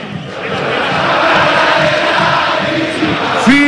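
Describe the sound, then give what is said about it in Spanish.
Boca fans in a football stadium chant in unison in the final seconds of a match against Estudiantes de La Plata, a dense, loud roar of many voices with a rhythmic swell, ending with a sharp rising whistle-like tone near the end. “Escucha a la gente de Boca.”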